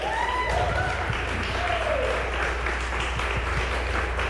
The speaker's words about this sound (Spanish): Aplauso fuerte y muchísimas gracias.